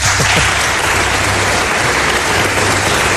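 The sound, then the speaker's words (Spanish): An audience claps steadily and loudly for a guest on a programme, a dense, even wash of many hands applauding without pause for a few seconds, with a faint low hum underneath. “No os he pedido un aplauso para él, creo.”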